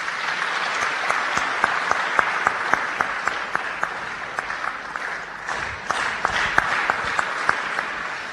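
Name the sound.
round of applause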